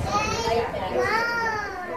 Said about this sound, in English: Five kids are playing happily in a bright, cozy space. There are wooden toys and puzzles. Then they run into a problem that all toddlers have: sharing.